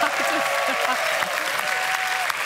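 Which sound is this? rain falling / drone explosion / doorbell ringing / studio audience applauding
studio audience applauding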